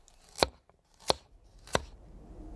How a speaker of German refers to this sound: Cool, ich schnippel uns einen schönen Salat.